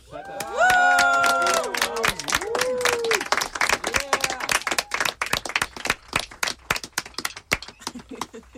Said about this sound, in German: Einmal bitte Applaus.